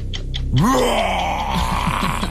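A lion roars once, played as a clip in a sound-guessing game: a deep groaning growl that swells upward and then holds loud and rough for nearly two seconds, with no one talking over it.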